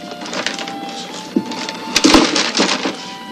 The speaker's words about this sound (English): Let me have a Three Musketeers and a ballpoint pen, one of those combs there, a pint of old Harper, a couple of flashlight batteries, and some beef jerky. The clerk puts everything in a paper bag.